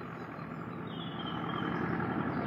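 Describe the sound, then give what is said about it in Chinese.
A car engine hums steadily outside an open window, a continuous low rumble that grows slightly louder toward the end, with no voices present. “汽车引擎的声音从敞开的窗户外传了进来，林内特不耐烦地抖了抖身子，肯定是杰克林和他的男朋友，他得出去见他们。”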